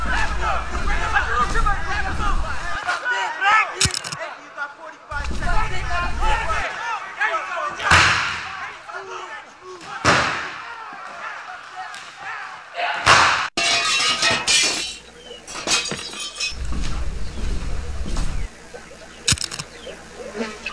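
A brawl breaks out in a restaurant: a loud, agitated crowd shouts over one another while heavy slams and thuds ring out at irregular intervals, with crashes of breaking glass among them.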